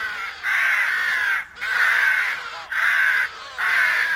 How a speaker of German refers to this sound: wenn also Tausende von Krähen heranschweben und sich fallen lassen auf die Bäume, auf der Peisnitz und dabei einen tierischen Krach machen